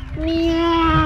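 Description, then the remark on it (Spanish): A person imitates a cat's meow, sent as a WhatsApp audio message, with one drawn-out, steady, nasal voiced tone that dips slightly at the end, about a second long, with no other talking. “solamente manden una imitación del gato, nada así más.”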